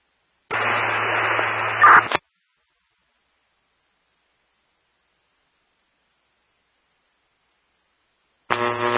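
A burst of harsh, tinny static-only radio transmission from a radio unit hisses for under two seconds and cuts off abruptly; after a long silence, another static burst starts at the very end.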